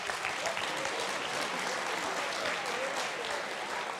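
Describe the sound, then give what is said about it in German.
Steady applause from an audience fills the whole stretch, a dense continuous patter of many hands clapping at moderate loudness, with no voices standing out. “danke schön für das nette Gespräch, das ist Ihr Applaus.”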